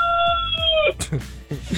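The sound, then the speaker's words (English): A rooster named Lightwing, on a farm in Southern Oregon, lets out a single sustained crow that trails off with a downward slide, followed by a brief jumble of voices and background noise. “Wait, what's the rooster's name? The one who just crowed, Lightwing.”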